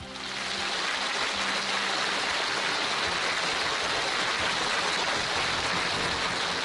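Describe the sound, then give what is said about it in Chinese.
Steady, dense applause from the audience of a recorded show, welcoming the second guest, a health professor; a continuous hiss of many hands clapping at an even level for several seconds, with no voices over it. “再次掌声有请。”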